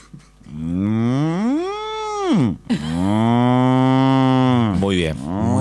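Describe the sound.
A person imitates a dairy cow with two long, drawn-out moos, the first rising and falling in pitch, the second steadier and lower, loud with no other talk.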